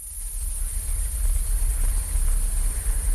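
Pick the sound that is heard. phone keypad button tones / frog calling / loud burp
frog calling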